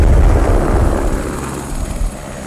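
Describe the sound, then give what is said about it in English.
A helicopter roars steadily high above Juneau, Alaska, over the Mendenhall Glacier. Its deep rotor thrum and engine whine are loud, with a constant low pulsing throughout and no voices. “From a helicopter high above Juneau, the ice unspools from the mountain like a frozen ribbon.”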